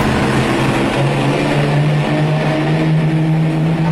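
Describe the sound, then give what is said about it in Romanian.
An Alfa Romeo car engine roars loudly, a steady droning hum whose pitch climbs gradually as it revs, with no voices over it. “Are și mașină.”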